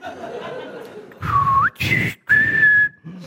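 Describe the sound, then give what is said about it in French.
A person whistles a short birdlike phrase imitating bird language, used to call someone a name, in three bursts: a sliding, rising tone, a breathy chirp, then a long steady note, with faint laughter-like sounds around it. “Et comme je parle le langage des oiseaux, je vais le traiter de trou du cul.”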